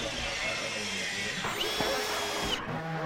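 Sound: power drill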